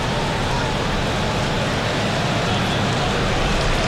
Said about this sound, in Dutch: En u hoort het applaus vanaf de tribunes. En dan gaat bijna iedereen staan hier in Alkmaar.